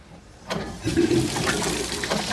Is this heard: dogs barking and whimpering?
no